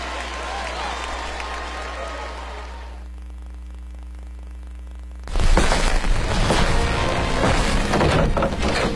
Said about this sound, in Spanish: Y el aplauso para ustedes y nadie más.